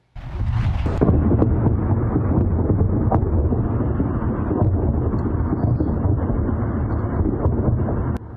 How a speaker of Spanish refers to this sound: Varias explosiones golpearon un muelle en una isla iraní en medio de intercambios de fuego.